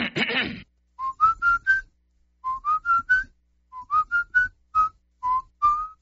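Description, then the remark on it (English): A person whistles a melody in short, clear notes grouped into phrases of about four, each phrase stepping upward in pitch, after a brief breathy rush at the start. “I have a lot of people tell me they hear me whistling on the radio.”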